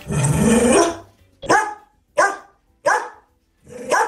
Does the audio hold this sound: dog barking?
yes